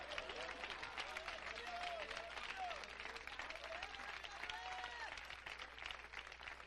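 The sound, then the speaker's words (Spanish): An audience applauds steadily, dense overlapping claps filling the whole stretch at an even loudness, with a man's voice rising and falling underneath. “Mire, oiga esos aplausos.”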